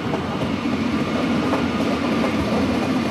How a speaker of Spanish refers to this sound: Se aproxima ya un tren, nos ubicamos a apenas 5 metros... 10 metros de la vía aproximadamente y guardamos silencio, ¿no? Sí, correcto. Estamos afectando la medida. Pues nada, que pase el tren.